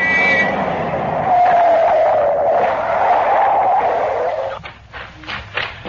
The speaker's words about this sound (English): Well, company coming. Seems to be traveling at quite a rate. Too fast, even this time of night. Stop that car! Pull over here!